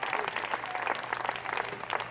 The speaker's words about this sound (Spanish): ¿Cuántos alaban al Señor? Denle fuerte aplauso al Cristo de la gloria. Gloria a Dios.